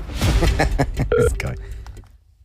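A short electronic telephone tone, like a dialing beep, sounds clearly but briefly in the middle as radio hosts call a listener's phone live on air, surrounded by busy studio chatter and background noise that fades out toward the end.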